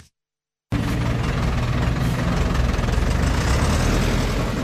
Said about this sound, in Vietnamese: Tiếng máy xúc, máy ủi gầm vang giữa núi rừng